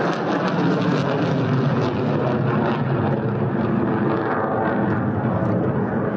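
A large jet airliner roars past with a steady, dense engine rumble and hiss that stays loud and unbroken for the whole stretch, with no voices.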